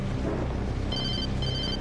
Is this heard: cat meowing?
no